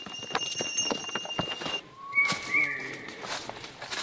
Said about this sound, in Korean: 무거운 짐을 싣고 가는 당나귀 무리에게 길을 양보합니다.